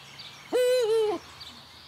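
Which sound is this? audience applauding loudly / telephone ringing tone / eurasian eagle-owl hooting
eurasian eagle-owl hooting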